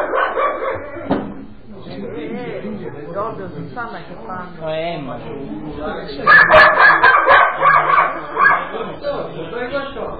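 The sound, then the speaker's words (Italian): A dog barks repeatedly and loudly, the barking growing more intense and dense in the second half while people talk over it. “Sto cane lo uccido.”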